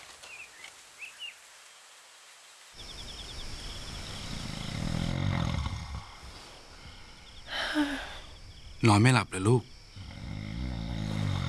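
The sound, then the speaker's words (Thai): An old man, a grandfather, snores loudly with deep, rasping breaths, and a woman speaks softly over the snoring partway through. “ปู่กรนเสียงดังใช่ไหมล่ะ พ่อกรนดังกว่าคนปู่อีกค่ะ”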